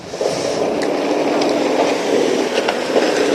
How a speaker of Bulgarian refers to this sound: В момента преминава влак, а този ЖП прелез не работи след сблъсъка и в момента се ремонтира.